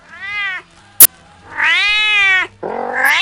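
A house cat meows three times, loud and whiny, the middle cry long and drawn out, with a sharp brief click between the first two meows.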